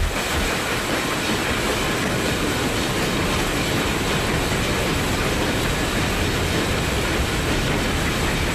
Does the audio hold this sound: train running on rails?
yes